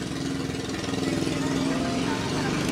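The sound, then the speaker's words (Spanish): Car engines drone outside in a steady, continuous low hum with a slight rumbling pulse, holding at an even loudness for the whole few seconds. “Contestaron los autos.”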